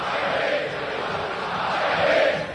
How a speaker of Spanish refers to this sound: La gente grita, la gente está feliz.